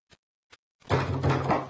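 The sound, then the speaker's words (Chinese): Two sharp knocks on a door, spaced about half a second apart, then a loud, raised voice calls out asking someone to open the door and whether anyone is there. “开门啊！有没有人啊？”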